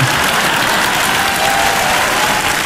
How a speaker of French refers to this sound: Attends, parce que les gens m'applaudissent.